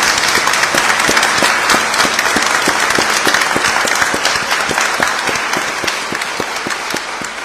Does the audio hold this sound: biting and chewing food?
no